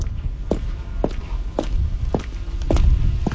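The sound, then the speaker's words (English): Slow, evenly spaced footsteps on a hard floor, about six steps with a reverberant echo trailing each one, in a large warehouse storing seized life jackets and deflated dinghies, heard alone over a low rumbling background. “Listening to my footsteps, you can get an idea of how big this warehouse is.”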